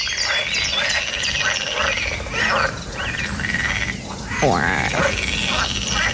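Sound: pool frogs croaking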